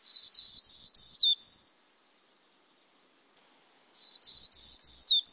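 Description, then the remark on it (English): A black-throated green warbler sings a high, buzzy song: a quick run of five or six wheezy notes ending on a higher buzz, then a pause before the series starts again. It is clear, with no voices. “They may form mixed flocks with black-throated green warblers that nest in the eastern U.S. and Canada.”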